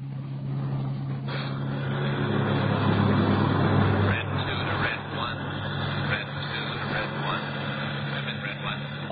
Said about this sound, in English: Marchand and I went out to his garage and got in the car. He drove out Sunset Boulevard to the Pacific Coast Highway